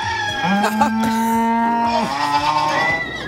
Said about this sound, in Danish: Jeg har fået noget dyrelyde frem. Hold da op, du har været i dyrearkivet der.